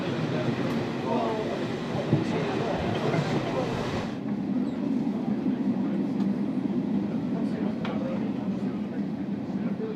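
A steam train rolls west toward Limerick Junction on one of Ireland's oldest railway lines, a loud, steady rumble of wheels and carriages that continues for the whole stretch, with the higher hiss dropping away partway through.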